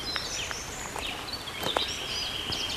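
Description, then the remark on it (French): Several birds sing at once among many flowers, high whistles and quick chirping trills overlapping steadily, with faint rustling and soft footstep-like taps underneath. “Beaucoup de fleurs et de chants d'oiseaux.”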